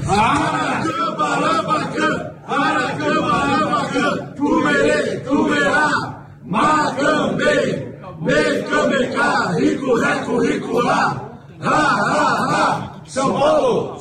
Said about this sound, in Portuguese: Tá todo mundo pedindo o WhatsApp aí de novo, esse grito de guerra aí.